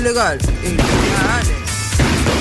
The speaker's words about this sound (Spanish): ¿Lo ven? Yo estoy hablando y los vecinos están ahí. Métale petardo. No se puede.